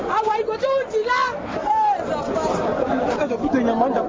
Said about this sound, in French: À notre arrivée, une foule impressionnante a envahi les lieux du drame.